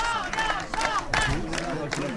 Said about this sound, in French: La fête bat son plein sous les acclamations des militants.